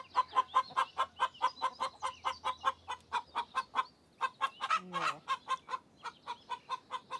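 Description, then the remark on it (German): A hen sitting on eggs clucks in a steady, rapid series of short, throaty pulses that go on for several seconds with one brief pause, rising into a slightly higher, more agitated note near the end. “Also Schwerstarbeit, bei der sich die Hühner nur ungern stören lassen.”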